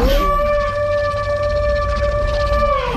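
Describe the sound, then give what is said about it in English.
Crane calls, including a sandhill crane, pitch-shifted down and layered into a dinosaur's roar for a series: one long, steady, moaning tone rich in overtones, sliding up at the start and dipping at the end, loud over a low rumble. “We've got the sandhill crane, the bulga crane, pitch shifting it down, adding more layers to it.”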